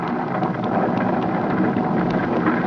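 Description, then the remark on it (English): A thunderstorm with lightning roars steadily: dense, heavy rain hisses throughout while low thunder rumbles underneath, loud and continuous for the whole stretch, with no voices. “Look at the lightning”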